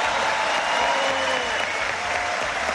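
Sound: audience applause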